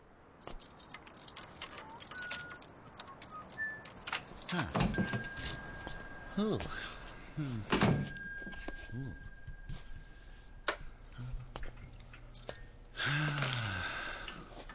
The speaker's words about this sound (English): You realize, of course, there's a more efficient way to let you know a customer has come in than the employment of that small bell above the door.